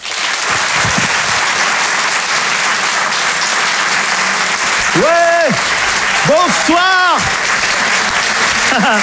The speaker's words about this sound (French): Merci de l'applaudir lui aussi très fort. Voici Laurent Barra.